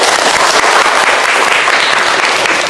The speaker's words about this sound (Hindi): ताली बजाइए।